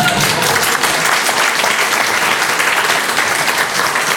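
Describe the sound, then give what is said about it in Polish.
Loud, sustained applause from an audience at an event held at a railway draisine depot (drezynownia kolejowa), a dense wash of many hands clapping steadily for several seconds with no voices standing out. “Można brawo!”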